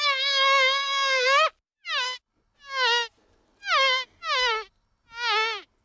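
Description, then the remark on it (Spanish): A nasal, fly-like buzzing, not an actual fly, played in the Radio 3 studio of Efecto Doppler, drones steadily for about a second and a half, then returns in five short bursts, each sliding downward in pitch. It is clear, with no talking. “No se nos ha colado una mosca en el estudio, aunque pareciera.”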